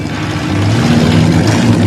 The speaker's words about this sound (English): Meanwhile, Ferris drives his friends down a busy city street. He pulls into a parking garage and stops the car.